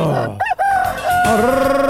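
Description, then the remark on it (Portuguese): A rooster crows once, loud, its call rising then holding a long strained note before trailing off. “Galo, galo, galo, galo, galo, galo, galo, galo, galo, cantando.”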